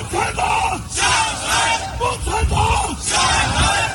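A crowd of Chinese exiles protesting outside the hotel where Xi Jinping is staying in Washington shouts slogans against him in loud, rhythmic unison, their chanting voices rising and falling in repeated bursts, dense, filling the space without pause.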